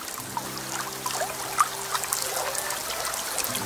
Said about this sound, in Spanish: Tú puedes escuchar el ruido del agua a lo lejos.